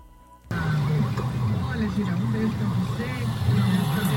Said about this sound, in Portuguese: Lá na Aerolândia, viu? O trânsito super movimentado, né? Leste-oeste. Leste-oeste. Muito engarrafado.